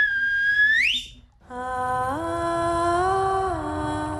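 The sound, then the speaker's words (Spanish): A person whistles on Radio 3, a loud whistle that slides sharply upward in pitch, breaks off, then returns as a steady, buzzier tone that climbs in two gentle steps. No one speaks. “Y os doy mi silbido, que para mí es mi premio nacional de danza.”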